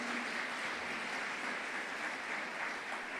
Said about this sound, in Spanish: Dele ese fuerte aplauso al Señor. Amén.